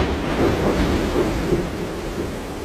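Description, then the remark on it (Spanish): A strong thunderstorm at night rumbles steadily, with deep rolling thunder over a constant wash of rain-like noise and no voices present. “Durante una noche hubo una fuerte tormenta.”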